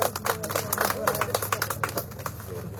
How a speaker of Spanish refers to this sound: Le recibimos con fuertes aplausos a nuestro presidente del Consejo Municipal.